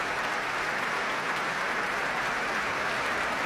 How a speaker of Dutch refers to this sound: Een groot applaus hier in de grote zaal van het Concertgebouw. Voor dirigente Tiani Lou, maar ook voor de componist Imam Habibi.